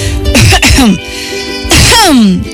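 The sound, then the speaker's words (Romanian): Two loud, throaty coughs, separated by a short pause, each with a strained, voiced, slightly theatrical tone, like someone coughing on purpose, as a character coughs two or three times in a Romanian reading of The Little Prince. “Umilită că se dăduse de gol pe când pregătea o minciună atât de naivă, a tușit de 2-3 ori pentru a-l face pe micul prinț să se simtă stingherit.”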